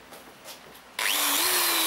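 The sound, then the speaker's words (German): A power drill abruptly starts up and whines loudly and steadily, its motor pitch rising slightly as it bores a hole into a tree trunk, after a second of quiet background. “Zunächst ein Loch in den Stamm bohren und versuchen dabei, den Baum nicht anzuzünden.”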